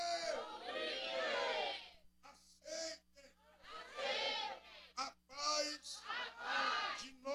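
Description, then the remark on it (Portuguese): A packed audience at a Deus é Amor church in Juiz de Fora fills the space with loud, overlapping voices, surging shouts and wails that rise in waves with short lulls between, crowded throughout. “Não, está lotada a multidão que está aqui.”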